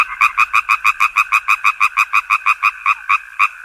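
A frog croaks in a fast, steady run of short, evenly spaced pulses, loud, with no voices or other sounds around it.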